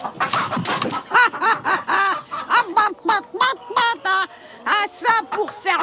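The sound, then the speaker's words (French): A rooster clucks while pecking and scratching at hard ground for worms, a steady run of short, throaty notes, about two or three per second, fairly loud, with some scratchy noise at the start. “Le coq commence à picorer le sol pour trouver des vers.”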